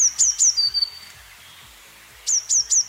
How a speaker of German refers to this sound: Eine Blaumeise, genau.